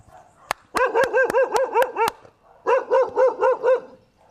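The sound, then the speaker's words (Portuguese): A dog at a house in the Balneário neighbourhood of São Pedro da Aldeia barks in two quick runs of rapid, yappy barks, about a dozen in all, fairly loud, with a short pause between bursts and no talking. “A gente consegue ver aqui, Renata, tem cachorro aqui”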